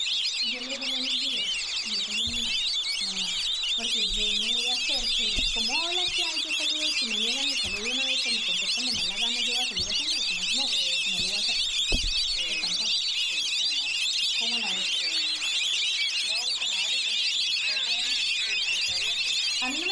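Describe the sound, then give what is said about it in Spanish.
Black-bellied whistling ducks (Pato Yaguazo) calling as a flock: a dense, continuous chorus of shrill, high whistles runs throughout, over lower wavering, warbling tones, at a steady, fairly loud level. “Este sonido corresponde al canto del ave Pato Yaguazo y hace parte del proyecto A Ritmo de Pájaros de la Fundación Corocoras.”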